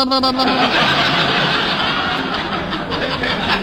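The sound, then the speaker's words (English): A voice mimics a sputtering, rattling old car engine, a loud, continuous noisy burr with a brief tonal start, on its own for a few seconds. “Now, who would want to steal my car? Somebody that goes...”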